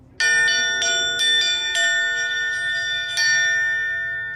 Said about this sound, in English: The community we lived in, that was what they wanted us to do when the baby was born, was they asked Boston to please come ring the bell so people could pay their respects.